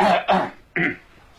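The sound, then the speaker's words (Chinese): A single storyteller's voice imitates the chief of staff and the deputy chief of staff coughing at each other: three short throat-clearing coughs, the first two back to back and the third after a brief pause, with no talk around them. “两位对着咳嗽。”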